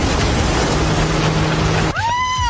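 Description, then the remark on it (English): A loud engine of a non-electric tractor rumbles steadily right on the bumper of an electric car, a rough drone with a low hum, cutting abruptly near the end to a brief higher whine. No talking. “I think it's a tractor. I thought we banned the non-electric ones.”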